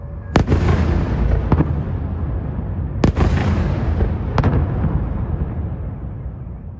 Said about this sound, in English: The last few months have seen Russia catch up with Ukraine in drone technology, and every day its new Garan 5 jet-powered attack drones smash into Ukraine's cities, and chiefly, of course, Kyiv, as in the case of this nighttime attack.